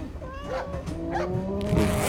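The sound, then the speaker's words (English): A cow moos in Changhua Town in a long, low drawn-out call that wavers and bends in pitch, with overlapping tones holding steady and slightly louder toward the end, with no voices. “Cow. I'm sorry, sir. We don't allow cows in Changhua Town.”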